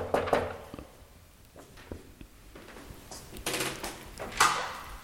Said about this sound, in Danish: Jeg prøver lige at se, om jeg kan finde døren her, hvor jeg skal mødes. Ja, den er her. Jeg banker på.